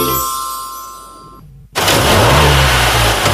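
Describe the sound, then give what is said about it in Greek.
A car engine, serviced at the Thanopoulos Service garage, drones steadily, cuts out briefly, then roars back loudly and revs up as it accelerates, powerful with a rising pitch. “Ακούσε πως πάει, ακούς υποδύναμη, ροπές! Πάει σφαίρα το εργαλείο, άλλαξες μηχανή.”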